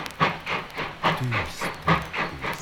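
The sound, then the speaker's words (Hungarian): A steam train chugs along with a steady, rhythmic chuffing, each hissing puff evenly spaced over a low rumble, moderately loud, with no voices. “Tűz, dübörög végig az énekelen garabonciás muzsikákkal, lobogó éjlámpáiddal”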